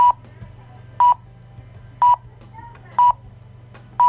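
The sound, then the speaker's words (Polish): Five short, evenly spaced electronic beeps from a timer going off, one per second, all at the same pitch, like a radio time signal counting down, over a low steady hum. “I jak to, w polskim radiu. Już. Taki sygnał.”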